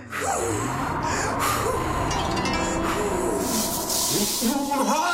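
Three forceful, breathy blows of air, someone puffing hard into a chimney, come one after another against a hissing, rumbling background that swells near the end.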